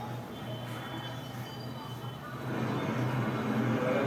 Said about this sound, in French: Les rues fourmillent de petits commerces et de véhicules en tout genre. Des parfums de poissons grillés, d'épices et de riz chaud s'élèvent autour de vous. Les voix, les klaxons et les senteurs vous imprègnent de sensations nouvelles.